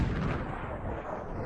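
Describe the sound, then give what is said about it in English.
A dense, continuous barrage of fireworks bursting, with booming low rumble and crackling blasts running together at a steady, loud level, and no voices. “Dreamweaver and Meat and Potatoes are here at Memory Fireworks.”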